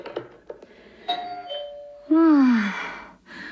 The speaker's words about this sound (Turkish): Bu defa kapı zili hangi hanımın güllerini getirdi acaba?